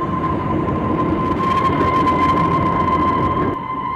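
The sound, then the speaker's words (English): A loud train rumbles steadily in the Rocky Mountains while a sustained shrill whistle rings over the clatter, then the noise drops off abruptly near the end as the train brakes with a jerk and comes to a halt. “After the passengers had taken their breakfast, the train gave a shrill whistle and braked with a jerk and came to a halt.”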